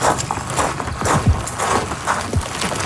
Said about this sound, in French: Vous entendez des roches tomber.